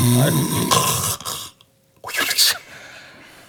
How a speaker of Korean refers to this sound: 제가 도사님 코골이에 도통 잠을 잘 수가 있어야지요. 아유, 한숨도 못 잤습니다.